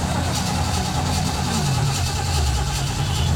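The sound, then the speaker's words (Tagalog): A jeepney engine running low on gasoline runs loud with a steady low rumble, its pitch swelling and dipping briefly midway as it revs before settling back to a rough drone. “Bago pagani ko ng paggas, wala na ilain gasolina, jeepney.”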